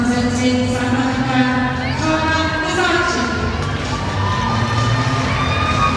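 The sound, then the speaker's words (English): A large crowd in a Commonwealth Games gymnastics arena cheers and roars steadily for the whole stretch as an 18-year-old gymnast performs a vault, a dense, constant wall of voices that never drops, with some talking mixed in. “She's got support in the crowd and support all over the Commonwealth.”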